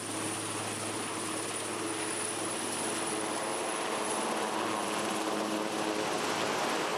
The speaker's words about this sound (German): Das Hubschrauberteam fliegt weiter. Strommasten abbauen in Papenburg. Und danach geht es in die Schweiz, Skilifte reparieren.